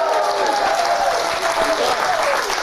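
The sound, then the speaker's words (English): Steady, dense audience applause as the host's wife returns to the program, many hands clapping at once in a loud, continuous wash with a faint whistle-like tone drifting through it. “You better clap, because this is her gift.”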